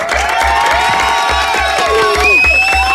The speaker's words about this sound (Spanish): Eso, palmas fuertes.